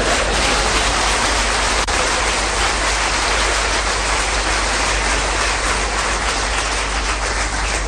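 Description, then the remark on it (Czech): Steady, dense clapping from a large audience welcoming a speaker fills the whole stretch, a continuous wash of applause that holds an even loudness throughout with no voices breaking through. “Děkuji vám, vážení přátelé, že jste mě uvítali potleskem.”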